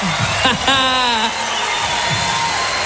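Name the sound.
audience applause and cheering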